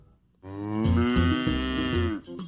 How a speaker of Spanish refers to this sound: ¿Y ahora, ese es el sonido del monstruo del queso? ¡No! ¡Es el de una vaca!